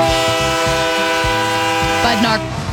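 A loud, sustained train horn blares over the steady rhythmic clatter of a rolling train, with a brief rising tone near the end before the horn begins to fade.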